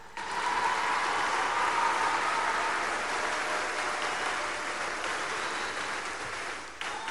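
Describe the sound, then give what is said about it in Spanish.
An audience applauds steadily for several seconds for arriving health professionals, a dense, sustained patter of clapping at a fairly loud, even level before it tapers off near the end. “Llegan los profesionales de la salud, que un aplauso porque algunos andan por aquí.”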